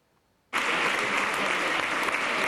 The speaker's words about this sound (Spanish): Y ha recibido esta ovación cerrada de los diputados y senadores socialistas. Pedro Sánchez ha presidido la reunión interparlamentaria del PSOE,